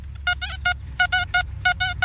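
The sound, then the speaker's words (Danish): A metal detector is passed over a gold coin, one of the coins that was handed in, and sounds off with loud, buzzy mid-pitched beeps in three quick bursts of three, with a low rumble underneath and no one talking. “Kan vi høre, hvordan noget guld faktisk lyder? Nu prøver vi lige at tage metaldetektoren over den.”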